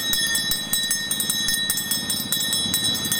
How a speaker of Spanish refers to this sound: ¿Sonando la campanilla? La campana, tengo helado, bebida, patata, frito seco. A ver, ¿cómo suena la campana?